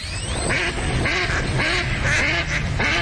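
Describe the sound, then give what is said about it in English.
A duck quacks repeatedly in a steady rhythm, about five or six loud, nasal calls, with no talking. “Time to gear up for bird season.”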